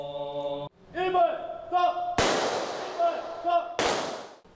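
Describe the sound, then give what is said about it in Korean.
Two sharp, loud gunshot blasts of a ceremonial memorial rifle volley at a Buddhist memorial rite for Korean War dead at Seoul National Cemetery, South Korea, each ringing out and decaying across an open space, with a voice speaking between the shots. “추모의 의미가 담긴 총성이 울려 퍼지자 사부대중은 일제히 고개 숙여 영령의 넋을 기립니다.”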